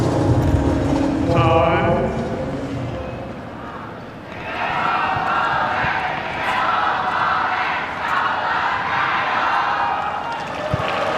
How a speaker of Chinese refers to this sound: 现场确实有非常多的观众啊，在给德约科维奇加油，大家都期待着啊，能够亲眼见证德约科维奇中网的7连冠。